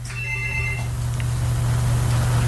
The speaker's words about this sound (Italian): Nel frattempo rispondiamo al telefono.